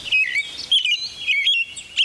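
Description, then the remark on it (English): An American robin sings a clear, warbling song of short, rising and falling whistled phrases, repeated in quick succession with brief pauses between them, heard on its own with no talking. “It seems birds like this American robin have to learn their song in a limited period of time”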